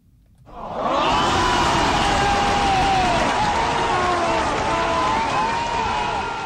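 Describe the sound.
Loud, sustained applause swells in after a brief hush and holds steady, a dense wash of clapping with cheering voices running through it.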